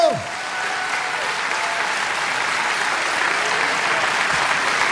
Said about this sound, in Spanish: Sí, ese aplauso es para el Rey de Reyes.